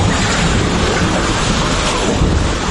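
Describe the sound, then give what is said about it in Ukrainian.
A steady, loud roar of a rushing flood wave in the Nepal–Tibet border region, dense and churning, with low rumbling underneath and no pauses for nearly three seconds, overwhelming. “І хвиля повністю змітає усе на своєму шляху.”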